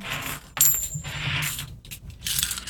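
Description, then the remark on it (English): 90% silver coins dropping onto a surface in several bursts as a sound test, with bright metallic clinks and ringing jingles that come in clusters over a few seconds, fairly loud, with no voices. “So let me gather them up, and we will do the 90% silver coin.”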